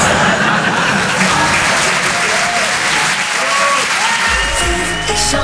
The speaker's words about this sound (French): Non, n'applaudis pas.